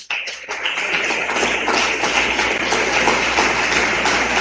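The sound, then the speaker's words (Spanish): A church audience breaks into loud, sustained applause for God as King, a dense wash of many hands clapping that starts abruptly and holds steady for several seconds without a voice over it. “Den un aplauso fuerte al Rey.”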